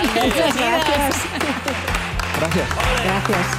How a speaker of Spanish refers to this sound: Pues un aplauso para Eva y para Juan.